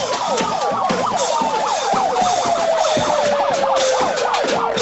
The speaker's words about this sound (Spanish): Enfrente también, una sirena.